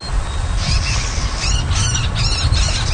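A marsh bird in a Canadian wetland gives a rapid series of harsh, squawking calls in several bursts, over a steady low outdoor rumble like wind.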